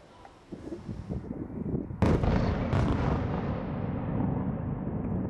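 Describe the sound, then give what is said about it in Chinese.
Low rumbling booms build into a sudden, loud explosion that cracks across the whole range, followed by a second blast and a long, heavy roar slowly fading away, during a Russian ballistic missile attack on Kyiv in the early hours of the 20th. “之后，基辅市响起防空警报及多次强烈爆炸声，第聂伯区电力供应出现短时间中断。”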